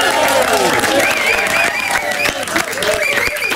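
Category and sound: crowd, audience applause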